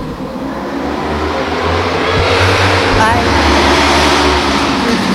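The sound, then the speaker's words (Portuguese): A motorcycle engine drones past, swelling louder midway and easing off again, with a person speaking briefly over the steady roar. “Passou a moto.”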